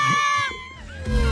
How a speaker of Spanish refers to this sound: Mire, lo que grita la gente, mire. El cuero de pericote. La gente lo que está gritando, mire, escucha.